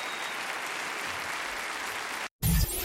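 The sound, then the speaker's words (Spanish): Steady, dense applause from an audience in honor of a man, a continuous crackle of many hands clapping at even loudness, cut off abruptly near the end before a brief louder burst of a different sound. “aplauso en honor a él.”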